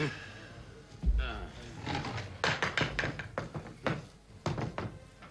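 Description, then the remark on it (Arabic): A shop door is opened with the shop key, with a heavy thump and a series of knocking clunks and rattles, while muffled voices murmur underneath. “هذا مفتاح الدكان، افتح الباب وضع هذه الأقمشة مكانها.”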